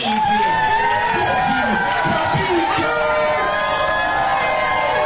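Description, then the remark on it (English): A rowdy crowd at a slam poetry performance cheers loudly and steadily for about five seconds, a dense wash of many overlapping voices shouting and whooping at once, with no single voice standing out. “He was drawn in by the rowdy crowds at the slam poetry performances.”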